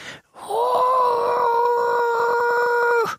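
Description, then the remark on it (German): A voice imitates the very quiet roar of a tiny lake monster no bigger than a frog, one steady, drawn-out whining howl lasting a few seconds, ending abruptly with no other talk. “Und wenn es brüllt, tut es das sehr leise. Ungefähr so.”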